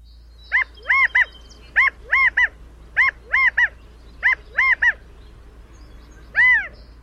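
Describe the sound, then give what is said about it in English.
California quail calling in a repeated three-note phrase, the loud nasal notes arriving in four quick sets with short pauses between, then one longer drawn-out call on its own. No one speaks. “California quail are stocky, plump-looking birds found throughout their namesake state, as well as in parts of the Pacific Northwest and Northern Rockies, where they've been introduced.”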